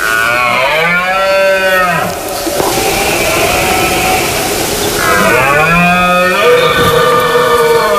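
Red deer stags bellowing in the rut (the berrea), males calling to attract females: two long, loud, deep roars with a rough, groaning tone, separated by a few seconds of breathy, noisy background.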